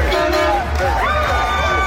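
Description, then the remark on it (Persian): A loud crowd celebrating a win in the streets of Norway, with dense overlapping shouts and cheers mixed with blaring, sustained horn toots that never let up. “این سر صداهای خیابان های نروژه.”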